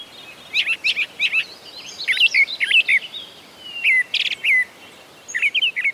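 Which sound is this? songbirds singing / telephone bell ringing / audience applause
songbirds singing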